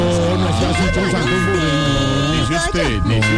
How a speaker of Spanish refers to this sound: Espérame un pañagüita, que es que me llegó un domicilio. Vamos a... Hola, pero ¿me van a quemar el timbre o qué?